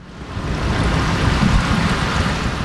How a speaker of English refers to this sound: Water flows into a concrete tank where 18-month-old brown trout dart back and forth as